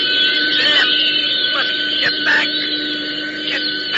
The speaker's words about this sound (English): I don't see the plane. Hey, wait, yes, I do. It's coming down. Pieces of it, anyway.